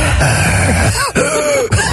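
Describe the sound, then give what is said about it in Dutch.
Someone imitates the heavy, panting breathing of an exam invigilator with their voice, loud, in rough rasping breaths with two brief pauses between them. Nobody speaks. “Zo hijgt en ademt.”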